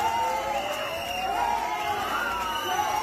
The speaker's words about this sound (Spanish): Y fuera, los abucheos no cesaron.